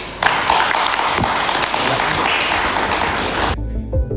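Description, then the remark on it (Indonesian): An audience at a human rights training program for journalists in Bandung, West Java, claps steadily for several seconds in a dense, loud burst of applause, which then stops abruptly, leaving faint low rustling. “Tepuk tangan.”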